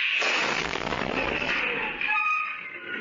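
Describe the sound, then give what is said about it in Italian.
A loud explosion from a drone strike in front of Al-Aqsa hospital in Deir al-Balah, near tents housing journalists, erupts with a dense roaring blast that lasts over a second, then gives way to lingering high-pitched ringing and whining tones. “Un video della testata Middle East Eye riprende il momento dell'esplosione.”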